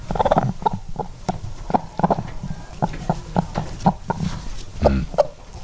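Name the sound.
hen clucking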